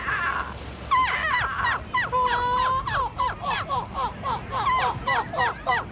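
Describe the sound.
A person imitates a seagull with a loud series of shrill, wailing cries, starting with a long drawn call and then breaking into rapid, rhythmic laughing yelps.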